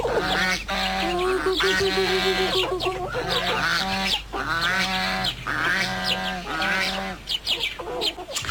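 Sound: geese honking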